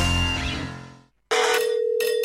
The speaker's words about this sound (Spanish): Imagínate que el 31 de julio de este 2026 suena tu teléfono